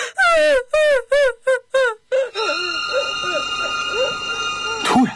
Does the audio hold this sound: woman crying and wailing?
yes